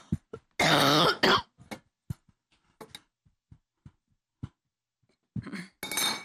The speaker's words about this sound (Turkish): Bu alerjiyle öksürük, Allah vermesin, gerçekten insanı çok yoruyor. Gıcık öksürüğü gibi düşünün.